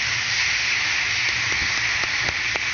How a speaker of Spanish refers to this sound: Fuerte el aplauso.